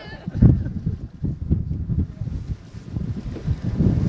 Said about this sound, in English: I know it got windy here, but we'll be good. We're just gonna keep slow and steady, keep on moving. Are you getting good wind sounds? What's that? Are you getting good wind sounds? There's no such thing as a good wind sound.